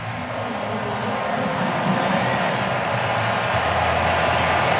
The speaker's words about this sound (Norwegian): Og jubel overalt, og ikke minst vil jeg tro når seieren vår har runga over Ullevål stadion allerede, når Christian Torstvedt skårer ut, og Otto, så blir det vel god stemning, så det tar av på Ullevål.